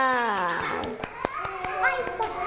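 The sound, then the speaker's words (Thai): Children clap for themselves in a loose, uneven scatter of sharp claps, fairly loud, while a high voice talks or calls out over them. “ยอดเยี่ยมเลยค่ะเด็กๆปรบมือให้ตัวเองหน่อยค่ะ”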